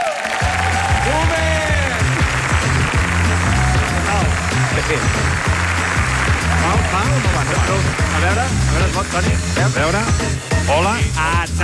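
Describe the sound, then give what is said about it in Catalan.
Loud, sustained audience applause for Toni Clapés at a show in a hall in Valls fills the whole stretch over a steady rhythmic music beat, with shouts and cheering voices rising through the final seconds. “Home, fora aplaudiment pel boomer!”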